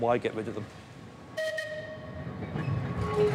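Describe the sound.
An old tram on the Isle of Man, unchanged for about 100 years, rumbles along its rails, a steady metallic whine ringing out over the rolling noise, with a brief bit of talk just before it passes.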